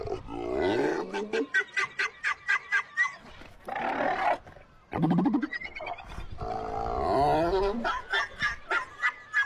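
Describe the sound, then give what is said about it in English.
Seals barking and grunting, a run of rapid, rhythmic honking barks broken by deeper throaty grunts and roars, loud and continuous with no talking. “Guess what these seals are saying instead?”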